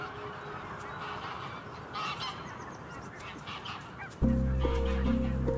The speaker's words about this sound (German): Nordische Gänse haben die Nacht auf dem See verbracht. In den Morgenstunden fliegen sie zu ihren Weideflächen.